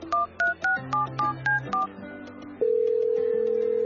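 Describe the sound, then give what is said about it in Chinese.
Seven quick telephone keypad beeps are dialed in a brisk, even rhythm to phone a grandfather, followed after a short pause by a steady, unbroken line tone. There is no talking. “忙你个头，仲唔打电话俾阿爷？”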